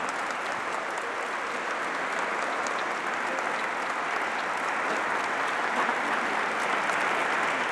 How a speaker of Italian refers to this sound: Quindi grazie. Io farei un applauso alla banda.